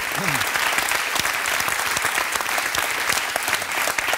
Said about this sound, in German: Okay, und jetzt kommt mal dein Applaus.